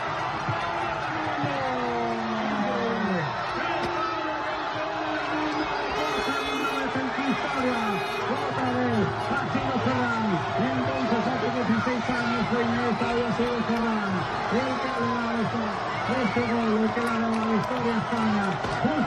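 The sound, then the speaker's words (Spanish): A dense crowd celebrates in the Plaza Mayor of Monzón, Spain, at the final whistle of Spain's World Cup final win over Argentina, a continuous roar of overlapping shouts, cheers and excited voices with rising and falling yells, loud and steady throughout. “Así como oyen, es como sonaba la Plaza Mayor de Monzón con el pitido final que colocaba sobre la roja la segunda estrella.”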